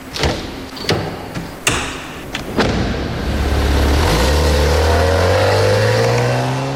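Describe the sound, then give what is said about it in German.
Several sharp thumps and clunks as a driver takes the passenger's crutch from a car trunk at the passenger's home and helps him out of the car, then a car engine starts and revs steadily higher, loud. “Er holt seine Krücke aus dem Kofferraum und hilft ihm aus dem Auto.”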